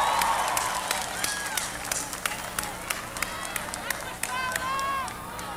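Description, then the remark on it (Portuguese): An audience bursts into applause for the band and crew, steady clapping mixed with scattered cheers and a few whistles, fairly loud, with crowd noise filling the background throughout. “Uma salva de palmas pra essa banda maravilhosa, pra essa equipe maravilhosa.”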